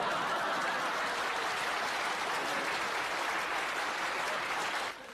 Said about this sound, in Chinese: 哎呀，朋友们，你们听见什么叫鼓掌啊？